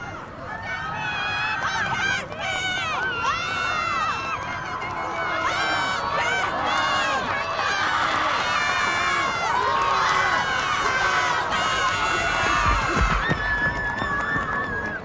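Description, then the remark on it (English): A large crowd at a race cheers the racers on and shouts continuously, many overlapping voices rising in excited whoops and calls, loud throughout, with a dull thump near the end. “Everyone's like cheering each other on.”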